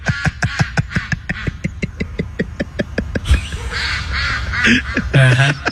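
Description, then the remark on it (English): A rapid, steady run of loud duck quacks fills the first half, then gives way to a looser mix of honking and squawking calls from several birds. No one speaks. “Hello, ducks! What's going on?”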